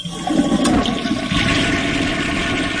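A toilet flushes in one steady, loud rush of swirling water that holds for a few seconds with no talking over it.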